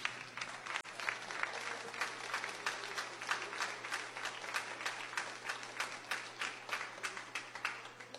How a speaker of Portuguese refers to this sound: Amém? Palmas para Jesus.